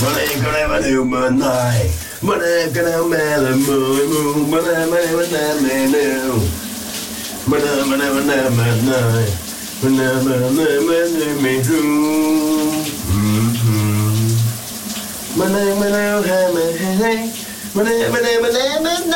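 A man sings a melody loudly and continuously with no clear words, while a steady hiss of running shower water fills the background throughout.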